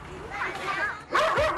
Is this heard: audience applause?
no